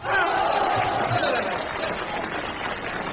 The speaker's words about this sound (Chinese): 因为我发现男同胞的掌声啊热烈。